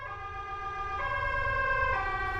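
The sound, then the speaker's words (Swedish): An ambulance siren wails steadily, stepping between tones, over a low engine rumble, loud throughout with no one speaking. “Sen så ligger jag där och får hjärt- och lungräddning i 16 minuter innan en ambulans kommer.”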